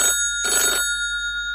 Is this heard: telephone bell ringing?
yes